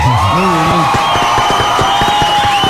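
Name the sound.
audience applause and cheering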